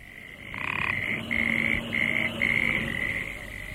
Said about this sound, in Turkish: Gelenler önce kurbağa sesinden başka bir şey duymadılar.